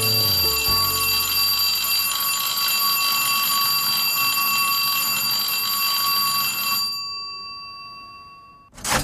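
A loud electric school bell rings continuously for about seven seconds with a harsh, metallic buzzing tone, then cuts off abruptly, leaving a brief quiet moment before a short click at the end.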